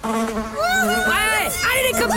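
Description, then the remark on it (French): A fly buzzes loudly for a couple of seconds, its droning whine wavering up and down in pitch as it circles, with no voices. “Les mouches, que pourraient dire les mouches si elles pouvaient parler?”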